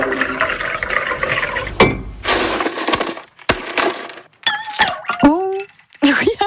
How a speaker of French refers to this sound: Et comme il fait chaud, ici Cotentin vous offre une petite pause fraîcheur. Oh, allons-y. Allez, on met des glaçons dans la boisson. Ah.